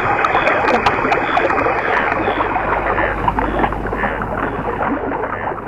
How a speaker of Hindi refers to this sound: पानी बहने लगा।